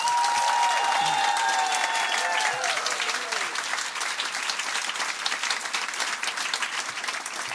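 An audience bursts into sustained applause, dense steady clapping that stays loud throughout, with a few cheers or whoops rising briefly at the start.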